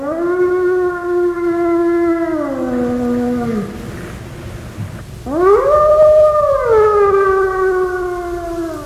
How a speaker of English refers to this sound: this is Lucas the Gray Wolf, and today I'm going to tell you why wolves howl